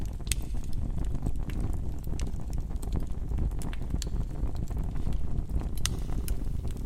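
A fireplace fire, built inverted with kindling on top and large wood below, crackles up close, with irregular sharp pops and snaps scattered over a steady low roar of burning flames. No voices are heard.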